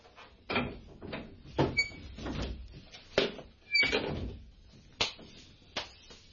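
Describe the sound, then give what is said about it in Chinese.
A wooden door creaks open as someone comes in, with a string of knocks and thuds over a few seconds, faint squeaks between the bumps and no talking. “周祥，你开门入嚟啦。”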